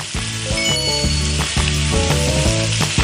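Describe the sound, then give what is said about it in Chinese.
Steady, loud sizzling of fermented chili paste (zao la jiao) hitting a hot wok while cooking fish, a continuous crackling hiss lasting throughout, with a tuneful musical backing playing underneath. “哇，这糟辣椒一下锅啊，这个酸味儿辣味儿都出来了。”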